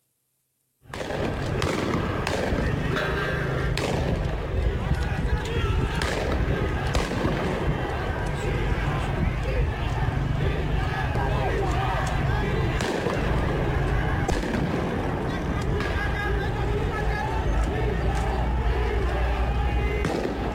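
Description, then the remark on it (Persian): Scattered gunshots from security forces firing from atop the historic Haft Cheshmeh bridge beside Yahyavi Square in Ardabil crack out every few seconds over a continuous, roaring din of shouting crowds, recorded outdoors with the sharp bangs echoing. “تیراندازی ماموران رو نشون میده از بالای یه پل تاریخی در شهر اردبیل.”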